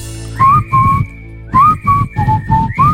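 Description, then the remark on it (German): A person whistles a short melody, with clear pitched notes in two phrases separated by a brief pause, each note steady and sustained, no talking. “Musste ich jetzt mal ausprobieren, die Pfeiferei.”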